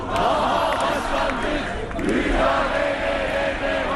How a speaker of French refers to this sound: Ils ont beau crier leur colère, les militants du principal parti d'opposition, CHP, ont le cœur lourd ces derniers temps.